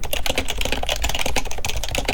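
Rapid, steady typing on a computer keyboard as a letter is written, a dense run of crisp clicks and taps, with no voices.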